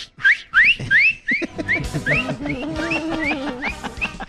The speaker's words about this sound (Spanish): Silbando.